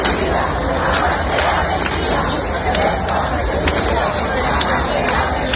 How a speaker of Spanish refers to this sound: Cantaban Ceuta unida, jamás será vencida, yo soy español, todo lo que se les ocurría, y desde luego muchos aplausos, muchas vivas a los reyes hemos escuchado en los últimos minutos y en las últimas horas.